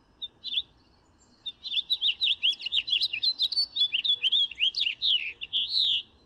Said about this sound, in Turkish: Ve çok da güzel renkli, güzel bir kuş.